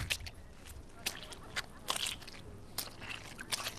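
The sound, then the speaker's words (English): Footsteps squelch through waterlogged, muddy turf on the sports field at Price Memorial Oval near Mitcham Council, about six wet sucking steps at an uneven pace, each a soft smacking crunch over a low background hiss. “So the centre square is this big expanse of mud right now and soaking turf.”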